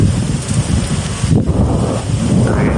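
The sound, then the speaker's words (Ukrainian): Guided aerial bombs dropped by an aircraft strike a city one after another, exploding as a continuous, heavy low-pitched roar, loud throughout, with rolling booms blending together and no voices. “От кави прилетіли один, другий.”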